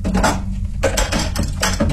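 Dishes being cleared from a table: plates and utensils clatter and clink in several quick bursts over a steady low background hum, moderately loud.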